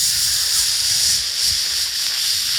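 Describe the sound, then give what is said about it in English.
A steady, loud sizzle like food searing on a hot grill, a bright hissing crackle that holds evenly for a couple of seconds with no voices over it. “It's like a hibachi grill back at Benihana, full sizzle.”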